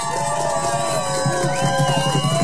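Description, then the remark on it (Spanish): An audience cheers and applauds in a steady, loud wash of crowd noise, with several high whistles sliding up and down above it for the whole stretch. “¡Aplausos!”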